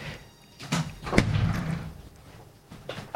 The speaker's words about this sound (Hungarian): Ajaj, itt valaki nagyon idegesen bejött, majd elment, és csapkodja az ajtót, lehet, hogy valami csúnyát mondtam.